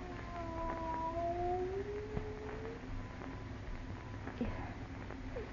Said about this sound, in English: It is a cat. Not a cat. Look at the size of it. Tiger.